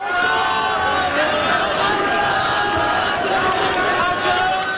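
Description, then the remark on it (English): A large crowd at a protest rally in France, part of nationwide protests supporting students demonstrating against understaffed and dilapidated schools; many voices shouting and chanting together in a dense, steady roar that stays loud for the whole few seconds, with no single voice standing out. “Unprecedented protests are sweeping through France as more than 250,000 people rally nationwide to support students who are demonstrating against understaffed and dilapidated schools.”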